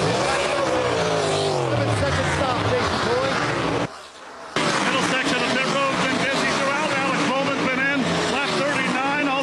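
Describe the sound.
A race car pit stop on pit road: the car pulls in and the crew jacks up its right side, fills it with Sunoco fuel and puts on tires; engines roar and rev loudly and continuously under a commentator's voice, with a brief dip in the noise partway through before it surges back.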